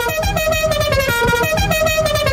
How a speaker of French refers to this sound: Bah ouais, un coup de klaxon, qu'est-ce que ça veut dire? Bah vous savez ce que ça veut dire.